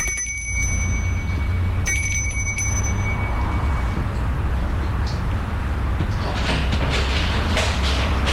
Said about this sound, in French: Il sonne à la porte de la maison.